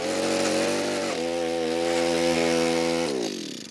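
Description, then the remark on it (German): A loud power drill grinds into hard ground while fence panels are being put up, its motor droning steadily and dipping in pitch as it bites under load, then spinning down near the end. No one speaks. “Dann müssen wir da gleich ein bisschen bohren und buddeln.”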